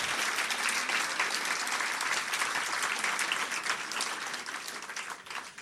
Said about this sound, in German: Nochmal Applaus für den Slammer, nicht für die Punkte.